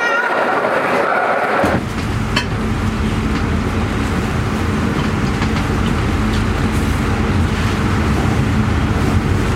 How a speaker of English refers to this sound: Et là ça y est, je suis dans le train et je vais en Autriche pour la deuxième partie du voyage